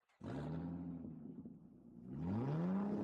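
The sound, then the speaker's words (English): A car engine roars to life close by, settles into a low rumbling idle, then revs up loudly with a rising, throaty pitch that holds strong at the end. “You like the sound of that, don't you? Well, that's what you get at Eden's Travels Car Rentals and Travel Services.”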